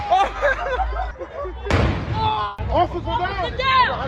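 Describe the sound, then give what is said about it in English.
A single loud illegal firework blast bursts out midway near Brady Street in Milwaukee early on a Sunday, exploding near a police officer and knocking her to the ground. Its sharp crack trails off over nearly a second, while a crowd of voices shouts and chatters before and after. “It happened early Sunday as video on social media shows the officer knocked to the ground after a firework exploded near her, appearing to cause facial injuries.”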